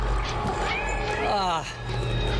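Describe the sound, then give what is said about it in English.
Cats meow loudly outside a door, a drawn-out wavering cry with a second overlapping call, over a steady low background hum. “did you use your demonic vampire powers of telepathy to summon all those cats out there?”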